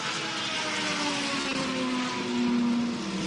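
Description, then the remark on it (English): A loud race car engine fires up after refuelling in a pit stop, its pitch climbing steadily as it revs and pulls away, with no voices present. “Engine fires up and off and away Toby goes once again.”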